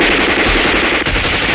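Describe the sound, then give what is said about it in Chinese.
Sustained, dense automatic gunfire roars continuously and loudly, with rapid bursts blending into a constant barrage and no voices present. A regiment fires at enemy soldiers crowded on a pontoon bridge at the Wu River crossing. “射击！”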